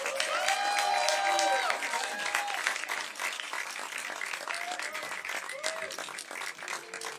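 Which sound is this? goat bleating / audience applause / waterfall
audience applause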